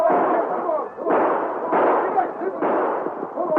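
Several rifle shots fired by train passengers after attackers fleeing on horseback crack out in an uneven volley, about five loud bursts in under four seconds, each one's ringing roar spilling into the next, with a continuous rumbling din and possible voices underneath.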